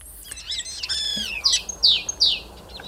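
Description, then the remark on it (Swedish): A starling runs through mimicked calls of other animals, including greenshank, common crane, fox, common snipe, magpie and yellowhammer: a tangle of warbling whistles, then three sharp, descending chirps in quick succession, clear with no voices. “Ska vi ta och lyssna på vad du och Mats Ottosson hör för andra djur här när, som staren härmar?”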